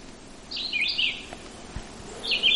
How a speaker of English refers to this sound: Ah, this little bird just started singing and makes me happy. One of the few migrating birds in the group of the little flycatchers that really still sings, and this is the red-eyed vireo. It's the time of year to learn the song of the red-eyed vireo